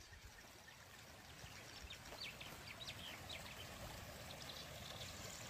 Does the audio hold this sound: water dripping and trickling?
yes